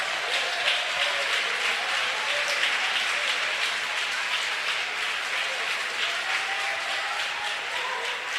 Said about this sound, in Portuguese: Eu quero ouvir palmas misturado com glória a Deus.